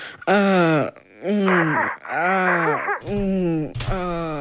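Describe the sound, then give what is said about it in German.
A voice imitates sex moaning: four drawn-out, loud, pitch-bending moans, each sliding up then down, separated by brief breaths, with a rougher, noisier final pair. “Naja, wie soll sich das anhören?”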